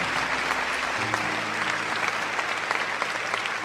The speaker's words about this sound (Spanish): Aplausos al Señor.